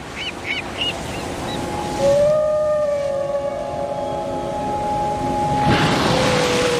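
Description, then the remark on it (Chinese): A Bryde's whale call near Weizhou Island, China: a long, steady, moaning tone with layered overtones lasting a few seconds over a constant watery hiss, preceded by a few short, high chirping pulses. “因为有了这座岛，人们惊喜地发现它们竟然和布氏鲸成了邻居。”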